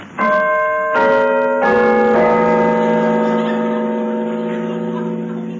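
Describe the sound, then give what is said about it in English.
A large, resonant bell at a mansion door, rung by pulling a bell handle, clangs several times in quick succession, each strike layering rich ringing overtones that swell together and then slowly decay, loud with no voices. “Pull the bell handle.”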